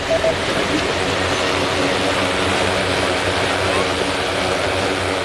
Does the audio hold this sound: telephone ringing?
no